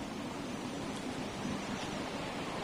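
A steady, dense roar of sea waves, a continuous broad wash of surf with no distinct breaks, moderately loud and with no voices.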